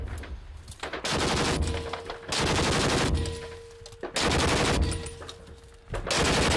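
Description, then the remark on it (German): Bursts of rapid machine gun fire, loud, in several long sustained volleys separated by brief pauses, fired at the enemy on the command to fire. No one speaks. “Feuer.”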